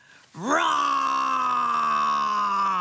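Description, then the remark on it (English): A voice imitates a dinosaur roar: one long, loud, sustained growling yell that rises sharply in pitch at the start, then holds steady and strained for over two seconds. “Can you roar like a dinosaur? Let's roar, Jemima and Big Ted.”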